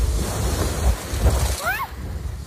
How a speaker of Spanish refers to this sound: En Poliña de Xúquer, donde se registraron acumulados de 53 litros por metro cuadrado, según AEMET, soplaba así el viento en la tarde de ayer.